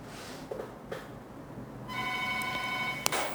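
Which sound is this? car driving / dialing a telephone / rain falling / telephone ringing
telephone ringing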